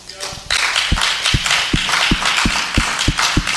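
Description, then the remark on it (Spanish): A crowd bursts into loud, dense applause for the Lord after a short quiet moment, with a steady rhythmic thumping running underneath like clapping in time to a beat. “Puede dar un aplauso al Señor.”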